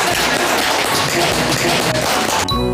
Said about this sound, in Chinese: 是的嘛，这就很好嘛，鼓掌，来来来来来。